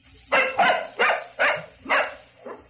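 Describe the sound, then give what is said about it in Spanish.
A hungry dog barks five times in a fairly steady rhythm, each bark sharp and full, followed by a softer sixth yelp as it trails off. No one speaks. “Voy a darle su comida al perro que está con hambre.”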